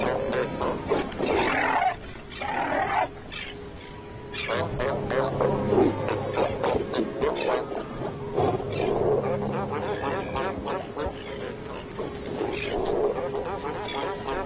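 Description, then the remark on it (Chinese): Fur seals fighting at the edge of their territories, with harsh, guttural roars and barks overlapping almost continuously for the whole stretch, loud and throaty, punctuated by sharper snarling bursts. “但是有时候这还不够，海狗们在领地边缘擦枪走火的事情也时有发生。”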